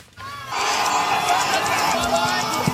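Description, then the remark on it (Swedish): A large crowd of Chinese students erupts in loud, sustained cheering and shouting as they run out after two days of hard national examinations in early June, a dense wall of excited voices that swells in after a brief quiet moment and keeps going. “Kinesiska studenter springer ut efter 2 dagar av hårda examinationer i en video publicerad av den statliga kinesiska nyhetsbyrån Xinhua.”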